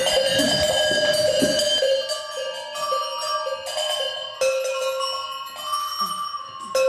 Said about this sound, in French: Là, on a la Gling Glow, mais la salle des cloches, en fait, en réalité, qu'on peut donc activer en tant que spectateur.